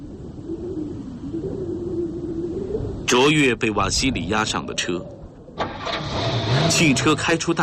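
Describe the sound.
A car engine idles with a low steady hum, then starts up and revs loudly in rising, surging bursts as the car drives out through a gate and away, with a voice speaking over part of it.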